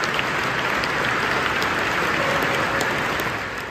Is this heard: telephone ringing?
no